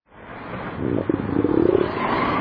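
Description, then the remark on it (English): A loud, drawn-out hungry stomach rumble growls steadily for a couple of seconds, its rough, gurgling pitch sliding gradually upward, prominent with no voices over it. “That rumble you hear isn't thunder over Nebraska. It's your stomach.”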